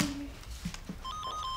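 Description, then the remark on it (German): A telephone starts ringing with a short burst of electronic, warbling beeps. Before it, there are a few soft knocks and handling noises, and no one speaks. “Oma, Telefon klingelt.”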